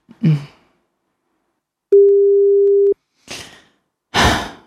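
A single steady telephone ringing tone lasting about a second, clear, framed by heavy breaths and exhales before and after it, with no answer.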